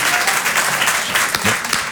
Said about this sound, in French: Moi aussi, je m'applaudis